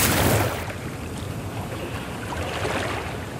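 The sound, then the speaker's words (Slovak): A boat crosses a wide, swift river at night, nearly halfway across where the current is strongest, a steady rushing wash that starts with a louder surge before settling into a constant churn. No one speaks. “Už sme takmer v polovici rieky. Tu je prúd najpočší.”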